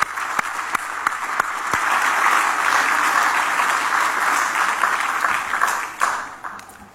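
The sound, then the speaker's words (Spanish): An audience breaks into applause, a dense wash of many hands clapping that swells quickly, holds steady for several seconds, then tapers off toward the end. “Un aplauso para ellas.”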